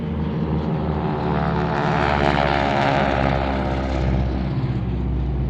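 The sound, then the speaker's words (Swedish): A propeller airplane drones steadily and loudly, recalling the first airplane landing at Bromma airport when it opened on 23 May 1936. Its engine produces a dense, throbbing harmonic hum that stays constant throughout with no voices. “När flygplatsen öppnades för trafik var prins Bertil en av passagerarna som landade i det första flygplanet på Bromma.”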